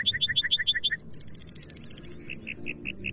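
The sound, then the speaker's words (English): A lark bunting, Colorado's state bird, sings a varied song of repeated notes: a series of paired chirps, then a rapid buzzy trill, then clear evenly spaced whistles, loud against a soft background rumble. “Far from the mountains, look and listen for Colorado's state bird, the troubadour of the plains, the lark bunting.”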